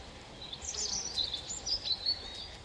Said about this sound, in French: Le poids plume du rouge-gorge au-dessus de moi, son sens de la mélodie et ses gènes de dinosaure me laissent bouche bée.